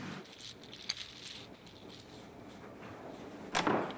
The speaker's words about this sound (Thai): จะล็อกประตูทำไมเนี่ยฮะ